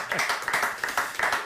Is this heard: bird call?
no